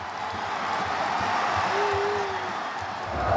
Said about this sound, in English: Dalian are losing 1-0, but it doesn't seem to matter. Everyone is still jumping up and cheering and chanting.